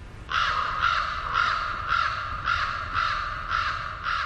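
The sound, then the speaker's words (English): A bird calls over and over in a steady rhythm, about eight harsh, raspy calls in quick succession, fairly loud, with no voices and only a faint low rumble beneath. “These remarkable birds have fascinated humans since ancient times.”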